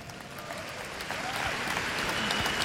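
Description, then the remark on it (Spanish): An audience breaks into steady applause for God the Father, a dense wash of many hands clapping that swells slightly louder partway through and continues without pause, with no voices standing out. “Un aplauso a Dios Padre.”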